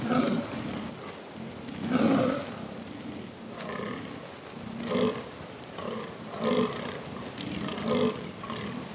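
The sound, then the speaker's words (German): Rutting fallow deer stags, about 80 kilograms with large palmate antlers, gathered at a rutting ground in mating season, give a series of rough, grunting calls to impress females, deep and raspy, repeated every second or so over a low rustling background, with no voices. “Mit rauen Rufen versuchen sie, Weibchen zu beeindrucken.”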